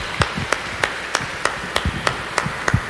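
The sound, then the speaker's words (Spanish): Applause for the Virgin Mary after prayers to Our Lady of El Quinche, in a steady, even rhythm: about nine sharp, bright claps land at regular intervals, clapping in unison with no talking over it. “El aplauso para ella, por favor.”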